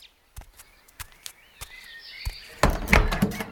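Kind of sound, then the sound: household object, door being opened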